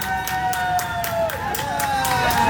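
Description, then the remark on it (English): An outdoor crowd outside Sydney's flagship store cheers and whoops for a man emerging with his new iPhone, while steady clapping taps out a quick, even rhythm, with a continuous murmur of voices underneath. “who spent hours camped outside Sydney's flagship store, came out and emerged with his iPhone, so proud, and everyone clapped for him.”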